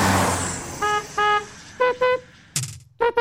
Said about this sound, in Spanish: ¡Vamos! ¡Toca la bocina! ¡Hazlo por amor a RTL!